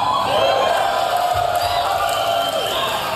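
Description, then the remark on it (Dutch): A large crowd at the Tesla Semi electric truck launch event cheers and whoops loudly and continuously, a dense wall of applause-like roar with scattered shouts, filling the space throughout without a break. “Ja, je hoort, het publiek gleed van zijn stoel af.”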